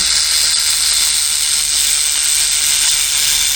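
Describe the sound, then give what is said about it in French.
A rattlesnake shakes its tail rattle, made of interlocking keratin segments, in a steady, dry, hissing buzz that stays loud and unbroken for the few seconds, with no voices over it. “Tu te retournes et aperçois un serpent. Un serpent qui joue du gros lot.”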